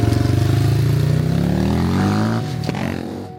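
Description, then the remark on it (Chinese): A motorcycle engine runs steadily, its pulsing exhaust rising slightly in pitch as it revs, then the throttle eases off and the rumble settles lower. The motorcycle is being ridden to herd horses. “我骑摩托车赶一下马。”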